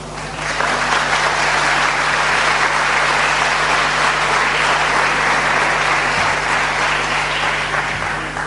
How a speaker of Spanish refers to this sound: Pueden aplaudirlo.